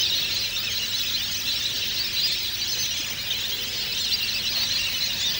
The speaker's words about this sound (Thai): แห่งแสนแห่งนี้จึงเต็มไปด้วยนกเป็ดน้ำนานาชนิดในตอนกลางวัน